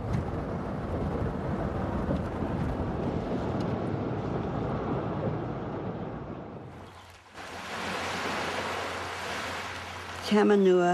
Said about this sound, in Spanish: El arroyo Tamanua, ese es el nombre de ese arroyo, el arroyo Tamanua. Este arroyo marcaba el límite de la finca de la familia Lee.